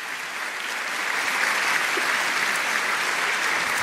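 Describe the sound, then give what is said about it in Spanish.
An audience at a church sermon applauds the Lord steadily, a dense wash of many hands clapping that swells slightly after the first second and holds at a loud, even level throughout, with no voices standing out. “Dale ese aplauso grande al Señor si está entendiendo la palabra.”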